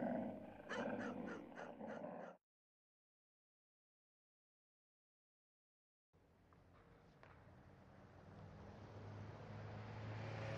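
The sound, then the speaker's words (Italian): The fearsome border dogs from an advert for the Raus board game snarl and bark aggressively in a loud two-second burst of rapid barks, then everything cuts to silence before a steady rushing rumble gradually swells. “Troverai nella scatola i pupazzetti di Vittorio Emanuele e famiglia, una cartina aggiornata dell'Italia e i temibili cani di frontiera.”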